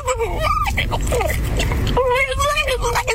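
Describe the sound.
A voice imitates a dramatic dog whimpering, with wavering, whiny pitch glides in two drawn-out bursts separated by a short pause, loud against background noise.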